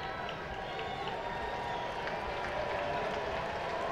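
A large stadium crowd at a Twins baseball game is on its feet, roaring and applauding steadily as Bailey Ober nears a complete-game two-hit shutout. A dense wash of cheering and clapping stays loud and constant throughout, with scattered whistles and shouts rising from the mass of noise.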